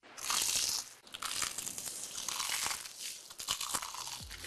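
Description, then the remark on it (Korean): Loud crunching as someone bites into crumb-coated, crispy fried chicken (Keukeukeu Chicken), a dense crackling burst that continues steadily for several seconds with no talking. “크럼프를 입혀 크런치하고 크리스피하다.”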